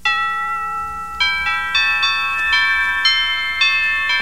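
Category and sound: household object, doorbell ringing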